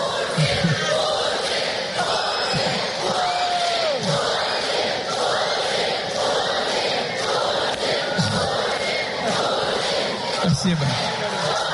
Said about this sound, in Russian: В сообщениях российских телеканалов подчеркивалось, что появление Путина было якобы неожиданностью для присутствовавших в зале детей, встречавших его визгом и скандированием «Путин, Путин».